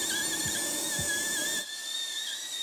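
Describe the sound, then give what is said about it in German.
A dental drill whines steadily on a horse's tooth, drilling out caries packed with chewed feed at the back of the tooth, a thin high-pitched tone with airy hiss underneath. A couple of soft low thumps come early, and the background quiets partway through while the whine continues. “Nur noch da ein kleines bisschen hier hinten sauber bohren.”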